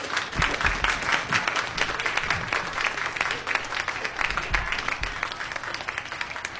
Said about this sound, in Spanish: Ahí viene el aplauso.